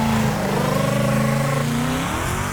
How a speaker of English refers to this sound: Jesus sounded like this. Sounded like a Mustang.